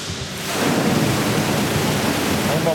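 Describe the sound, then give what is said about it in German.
Water gushes from four thick pipes into an underground parking garage, hundreds of cubic meters in a few minutes, in a loud, steady roar that swells up after a brief moment and keeps pouring continuously, with no voices. “Aus 4 dicken Rohren strömt Wasser in die Tiefgarage.”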